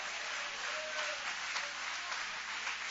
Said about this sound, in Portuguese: Aplaude a Ele, louve a Ele, exalte a Ele.